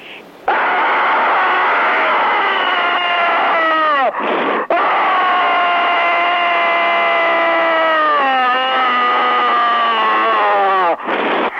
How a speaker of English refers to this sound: There's another screamer on the line. Just a minute. Screaming. Screaming.